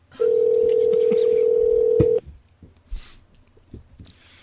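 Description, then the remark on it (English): A loud, steady telephone dial tone holds a single low hum for about two seconds, then cuts off, followed by scattered faint clicks and taps as a number is dialed to call someone in Ohio. “Here, I'll try once more, and you can leave her a message if she doesn't pick up.”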